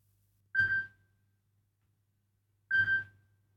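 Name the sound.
telephone ringing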